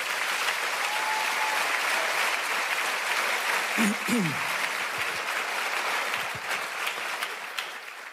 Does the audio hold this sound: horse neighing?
no